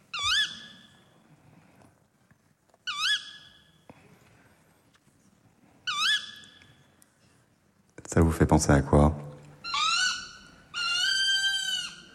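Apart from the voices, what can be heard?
tawny owl calling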